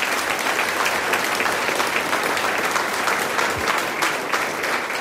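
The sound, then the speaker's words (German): Sustained audience applause for a folk music group playing two hammered dulcimers, guitar and harp, at a gathering in Solbach Hinterglemm in Pinzgau: a dense, steady wash of many hands clapping at an even loudness throughout, with no voices rising above it. “Applaus für die …, muss ich jetzt einmal.”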